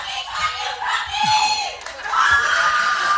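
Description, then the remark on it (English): A loud live crowd shouts and cheers throughout, with high-pitched screams and whoops rising over a dense, sustained roar of voices that swells again near the end. “We rarely have my people come out and they come out loud.”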